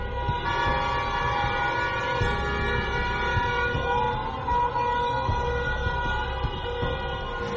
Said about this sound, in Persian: برخی از مردم در خیابان‌ها صدای بوق خودروهایشان را به نشانه اعتراض به قتل مهسا امینی به صدا درآوردند.